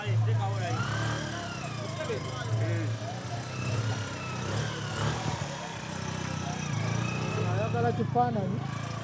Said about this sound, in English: This is a boda boda, which is a local type of taxi. And somehow they're bringing everything on a motorcycle on this narrow road.